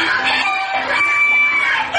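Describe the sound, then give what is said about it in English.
A dense chorus of prize-winning poultry at an American county fair, overlapping chicken clucks and squawks with a rooster crowing through it, steady. “a country blend of, among other things, 4-H club competitions, racing pigs, prize-winning poultry, cheerleaders, carnival sideshows, livestock auctions, chainsaw artists, and an old-fashioned calliope.”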